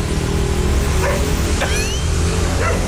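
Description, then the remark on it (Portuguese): A small mongrel dog barks a few times in the background at 5:27, short sharp yips spaced out over a steady low rumble of traffic or engine noise. No one speaks. “Ó o cachorro.”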